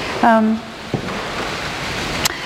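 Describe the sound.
Heavy rain hisses steadily throughout, with a brief voiced sound near the start and a couple of sharp knocks or taps standing out over the constant downpour.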